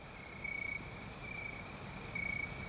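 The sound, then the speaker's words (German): Steady, continuous chirping of crickets in a high-pitched trill, with pulsing bursts rising and falling over a faint background hiss, at a very hot moonlit night in a hotel room in Jamaica, in a scene from the James Bond film Dr. No. “Mondlicht scheint durch die Fenster, Grillen zirpen.”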